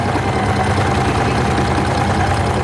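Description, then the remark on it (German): Sewing machines rattle steadily as about ten women and girls sew and cut fabric at tables in a sewing room set up for a camp week; a dense, continuous mechanical whirring with rapid fine ticking running throughout, fairly loud and with no voices. “Auf den Tisch wird geschnitten, die Nähmaschine rattern.”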